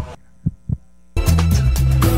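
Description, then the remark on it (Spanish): A single heartbeat sound effect in a Radio del Sur station jingle, two soft, low thumps in quick lub-dub succession over a faint hum, followed right away by loud music cutting in. “Para llevar los latidos de la patria grande.”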